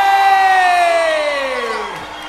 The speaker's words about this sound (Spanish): ¡Fuerte el aplauso